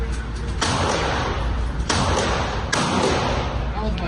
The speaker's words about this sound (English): So I had a little go with a handgun. It took a lot of metal, this, for me.